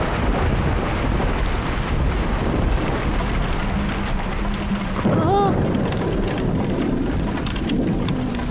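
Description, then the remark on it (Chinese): Heavy spring rain pours steadily for the whole stretch, a dense hiss over a low gusty rumble, with a brief high wavering tone cutting through midway. “怎么天天下雨啊？不能出去玩，心情都不美丽了呢。”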